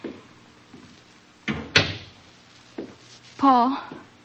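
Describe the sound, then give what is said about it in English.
A door is opened: a sharp latch click followed by a heavier wooden clunk, then a brief voice speaks shortly after. “I opened the door for him.”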